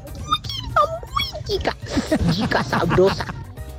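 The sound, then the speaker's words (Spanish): A pug whines in a few high, wavering cries, followed by a voice speaking softly, with faint rustling and shuffling underneath as the dog moves around. “Venga, venga, mi puggy.”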